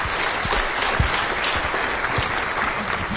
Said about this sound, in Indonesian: Ya, baik. Tepuk tangan untuk Regu C.